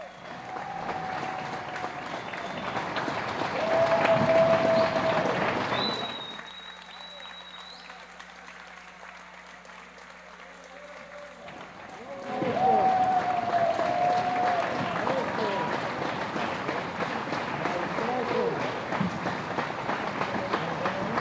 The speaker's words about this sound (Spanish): Fuerte los aplausos para las y los artistas que nos deleitaron con su talento esta noche.